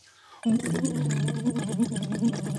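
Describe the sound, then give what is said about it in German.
A steady hummed voice tone blown through water, with continuous burbling bubbles over it. It starts abruptly and holds for about two seconds at a fairly even, moderate loudness. “Genau, man gibt da einfach ein, man schickt da eben, also man muss, blubbert, dass das, also nicht dass nur pusten, blubbert, sondern genau, versucht einen Ton zu machen.”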